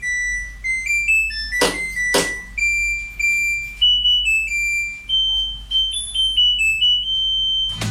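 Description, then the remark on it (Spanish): A washing machine's end-of-cycle tune: a string of high, electronic beeping notes that step up and down in pitch for several seconds, with a couple of sharp clicks early on and no voices. “Esa otra buena pregunta para los fabricantes de las lavadoras. ¿Cómo se le ocurre esa musiquita final?”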